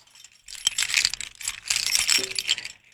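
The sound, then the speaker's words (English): A bunch of keys jangles for a few seconds as someone gets them to open a treasure chest, a bright, busy metallic clinking that rises and falls in irregular bursts, with no voices. “Okay, so let me get my keys.”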